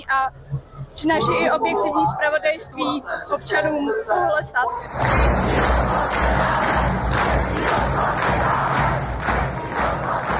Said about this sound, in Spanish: La marcha terminó con miles de manifestantes cantando el himno checo y aplausos y agradecimientos a los trabajadores de la radio checa que saludaban desde los balcones del edificio de la calle Vinohradská.